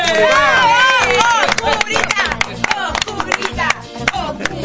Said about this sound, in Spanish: Señoras, señores, cortinita musical que está ella. Le vamos a darle bienvenida con un fuerte aplauso en el estudio mayor de Radio Continental.